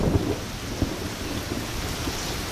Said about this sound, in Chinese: 很闷，打雷下雨